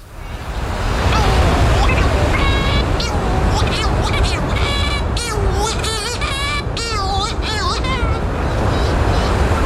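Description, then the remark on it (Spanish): Steady sea surf rushes throughout while shearwaters call over it at a burrow on a sea cliff, a female incubating inside and a male arriving from the sea, their harsh, wavering, nasal cries overlapping in a noisy back-and-forth that grows busier toward the end. “Y aquí está el sonido del mar entero en esta conversación.”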